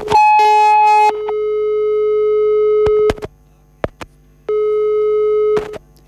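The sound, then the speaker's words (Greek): A loud, steady telephone busy tone sounds in long sustained stretches after a call is hung up, broken by a few sharp clicks and short gaps, with no one talking over it. “Ας ξαναπάρει ο φίλος, γιατί έκλεισε το τηλέφωνο από δική μου ενέργεια.”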